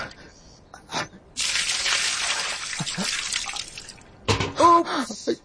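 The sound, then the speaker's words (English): Water is poured out and splashes onto the dusty ground, denied to a thirsty slave on a forced march near Nazareth, in a steady hiss lasting about three seconds, followed by a brief spoken voice as the splashing ends. “Oops! How clumsy of me. Please. Water. There is no water for you.”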